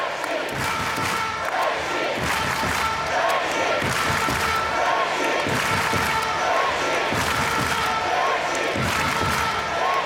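A packed crowd at the Budvar Arena cheers loudly and continuously for the Czech team during an ice hockey game against Sweden, a dense roar of voices with rhythmic chanting and occasional thumps, steady throughout.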